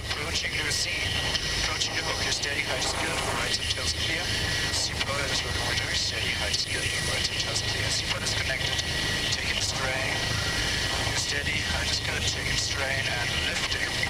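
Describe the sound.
A helicopter hovers, flown without autopilot and held as steady as possible while a pilot hangs from a rope beneath it; its engine and rotors make a loud, steady, unbroken roar for the whole stretch, while a voice speaks over the noise.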